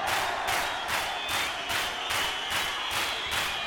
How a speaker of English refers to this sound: For your own safety, follow my orders and do exactly as instructed. Hands up. That applies to all of you. Now clap your hands.